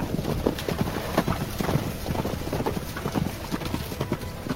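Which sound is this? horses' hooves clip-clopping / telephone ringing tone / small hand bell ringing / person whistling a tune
horses' hooves clip-clopping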